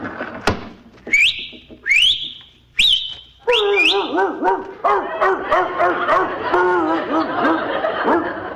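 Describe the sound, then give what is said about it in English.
A few sharp rising whistles out a window, then a dog named Herman barks in a quick, continuous run of yaps that carries on loudly to the end, as it is told to bring in the morning paper. “I'll just whistle out the window and tell my dog to bring in the morning paper.”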